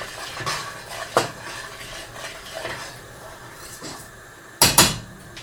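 A utensil stirs roux steadily through a thick sauce in a pot, with soft scraping swishes and a few light clinks, ending in two sharper metallic knocks against the rim.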